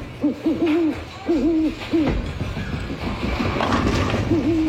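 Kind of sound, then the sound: bird, owl hooting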